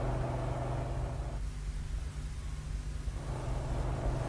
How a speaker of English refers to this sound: What's this coming up behind, Cuts? Ah, a heavy transport covered. Big wide cab over engine job.